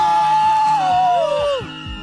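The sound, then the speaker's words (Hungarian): An audience at a radio station's birthday festival lets out a loud, sustained scream together on a count of three, trying to be the loudest, high-pitched voices blending into one roar that slides downward and fades after about two seconds. “jövő héten vasárnap a Rádió egy születésnapi fesztiválján egy nagy sikítást!”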